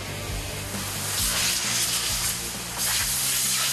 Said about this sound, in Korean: 프레스의 움직임에 맞춰 모양을 갖춘 주방용기들이 모습을 드러냅니다. 이런 과정을 통해 그릇과 주걱 등 70여 가지의 주방용품을 만들고 있습니다.